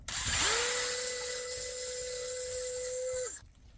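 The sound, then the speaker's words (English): A power drill whines up to speed and holds a steady, high-pitched hum for about three seconds while boring a hole about an inch deep into a birch tree to tap it, then cuts off abruptly. Fairly loud, with no talking. “And I just drilled a hole in the birch, just go in an inch or so, and I put a piece of plastic tubing that I'm my own invention of putting it in the tree and then into the jug.”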